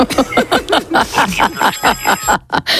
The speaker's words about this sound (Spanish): ¡Qué rústico! ¿El gallo jirico? El de un despertador rústico. No será el gallo de verdad, era que tienes no, el sonido, ¿no? Ese del sonido, móvil. Ese sonido. A no ser que tenga un gallo en la habitación, claro, metido.